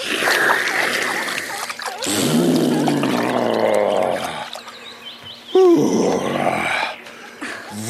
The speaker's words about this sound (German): So, und noch ein Schluck. Ja, jetzt geht's mir besser. Und noch ein Schlückchen in den Rüssel und dann über den Rücken gießen.